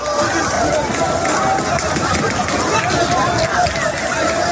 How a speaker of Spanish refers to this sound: Hay carreras, hay caídas, hay porrazos.